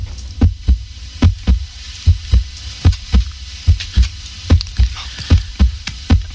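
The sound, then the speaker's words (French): A steady heartbeat sound effect thumps in paired lub-dub beats, roughly eight double pulses over a few seconds, low and muffled with a faint hiss behind it and no voices. “Voici maintenant le bruit du cœur.”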